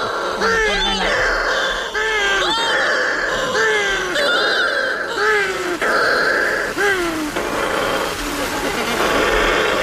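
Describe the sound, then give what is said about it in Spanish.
Shearwaters call at night in total darkness as they come in to their nests, a steady chorus of harsh, wailing cries, each rising and falling like a strained moan, repeating roughly every second over a constant noisy background. “Cuando se pone la luna, en la oscuridad total, cuando no hay luz, para que las gaviotas no encuentren los nidos, es cuando entran las pardelas.”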